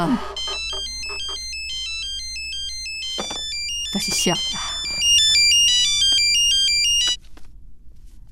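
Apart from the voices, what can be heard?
telephone ringtone ringing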